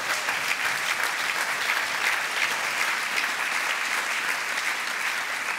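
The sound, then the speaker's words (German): Sustained applause at a trophy ceremony, including FIFA chief Gianni Infantino applauding from the VIP area, a dense, steady wash of clapping at an even loudness throughout, with no individual claps standing out and no talking over it. “Großer Applaus von FIFA-Chef Gianni Infantino aus dem VIP-Bereich im Rektum von Donald Trump.”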